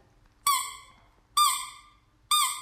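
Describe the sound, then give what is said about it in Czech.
A dumbbell-shaped squeaky chew stick for dogs, made of very tough rubber with nubs, squeezed three times in a steady rhythm, each squeak a sharp, high, reedy honk that fades out quickly, with quiet pauses between and no talking. “Je to pískací tyč z velice pevné gumy, takže ideální pro pejsky na žvíkání, aby se zabavili sami tím, že to vydává zvuk, tak je to zajímá.”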